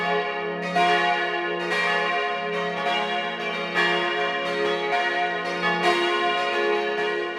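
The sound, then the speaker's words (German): The bells of the Church of St. John the Baptist in Klösterle, Vorarlberg, ring together at noon in a full, continuous peal. Their strikes overlap in a steady rolling rhythm with rich sustained overtones, loud, with no voices. “Sie hören die Glocken der Kirche zum heiligen Johannes dem Täufer in Klösterle in Vorarlberg.”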